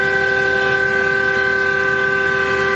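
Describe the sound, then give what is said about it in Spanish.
A loud, steady truck air horn, sounded by a truck driver travelling from Plata toward Ezeiza, blares without a break for about three seconds, its rich layered tone holding constant over faint background rumble, with no one talking. “El bocinazo. Me tiró el bocinazo”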